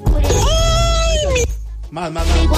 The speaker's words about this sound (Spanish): Porque es que si se tomaron la tarea, el tiempo de mandar el grito, escuchemos más gritos.